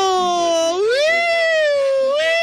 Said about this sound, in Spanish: Ya escuchaste la sirena, corazón de melón.